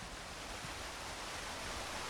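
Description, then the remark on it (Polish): A waterfall in Sopotnia Wielka roars steadily, recorded with a microphone pointed at it, a dense, unbroken rush of falling water that stays loud and even throughout, with no voices. “Jestem w Sopotni Wielkiej przed pięknym wodospadem. Kieruję w jego stronę mikrofon.”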